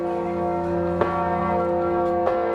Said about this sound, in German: Auf einem der Pontons schwimmt eine Glocke auf der Moldau, gehalten von einem schweren Glockenstuhl aus Holz. Fast 10 Tonnen wiegt die zweitgrößte Glocke des Landes.